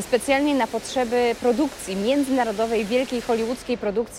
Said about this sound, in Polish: szum, który Państwo słyszą na pewno w tle, no nie jest takim codziennym dźwiękiem, który możemy usłyszeć właśnie w przestrzeniach dworca, no ale to jest specjalna okazja, bo to jest dźwięk fontanny, która powstała tutaj, tuż przy kasach biletowych